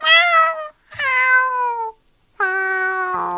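A kitten meows three times, each cry long, high and bright, sliding downward in pitch, with short silent gaps between them and no voices present.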